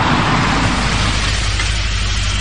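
A car's engine and road noise rumble steadily, the broad hiss easing a little partway through as the car pulls over to the roadside at the entrance to a curve on a road at 1 a.m. No one speaks.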